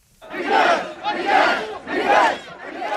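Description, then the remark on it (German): An angry crowd at protests over water shortages in Tunisia shouts in unison, chanting in loud, rhythmic bursts, roughly four surges in three seconds, each a dense roar of many voices rising and falling. “Da gibt es wegen Wassermangel im Moment wütende Proteste.”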